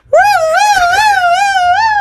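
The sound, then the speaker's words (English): A voice imitates an ambulance siren, holding a loud, steady high tone for about two seconds while the pitch slowly wavers up and down. No other sounds accompany it. “And then the ambulances turned up.”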